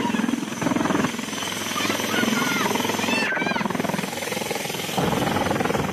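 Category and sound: vehicle, air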